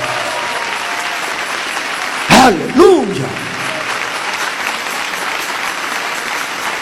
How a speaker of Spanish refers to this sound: Dele ese aplauso al Señor Jesús.